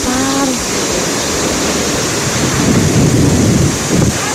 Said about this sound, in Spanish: Vea, vea el aguacero el viernes desde San Pío y Itagüí.